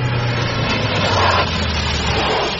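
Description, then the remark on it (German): A car engine rumbles with a steady low hum and broad road noise as a car drives up to a hunting lodge and draws to a stop. No one speaks. “Und kaum waren wir auf dem Jagdschloss angekommen, da hörten wir ein Auto vorfahren.”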